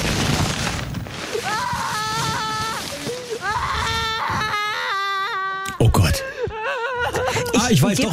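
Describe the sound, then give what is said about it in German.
A toddler cries and wails in drawn-out, high-pitched, wavering bursts, loud, with short sobbing breaths between cries and a few sharp bumps near the end. “Das ist so ein Kleinkind in der Obstabteilung, das unbedingt einen Kürbis haben möchte.”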